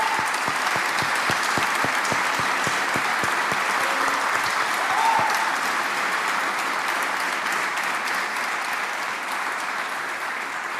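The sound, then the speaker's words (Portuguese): A crowd applauds an accompanying musician during a performance, steadily for about ten seconds, dense clapping throughout with a few sharper individual claps early on, slowly thinning toward the end without fully stopping. “E de facto queria pedir um grande, grande aplauso para este nosso companheiro”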